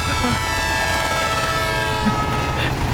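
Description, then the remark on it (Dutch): A steady electronic train sound effect from a bingo machine plays for a few seconds, a continuous rumbling chug topped by a sustained horn-like whistle tone, holding a constant loudness with no talking over it. “Het was vroeger alleen maar een trein.”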